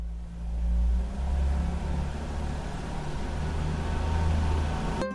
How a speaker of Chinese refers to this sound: 我下去热热车。冬天气温较低，我得先打着火，让车在原地工作3到5分钟，这样能让汽车内部的润滑油与机械零件还有发动机更好的磨合，才不会损伤汽车。